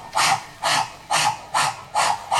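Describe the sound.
A voice imitates a spinning propeller with six evenly spaced, breathy whooshing bursts, a steady rhythmic hiss pulsing about twice per second.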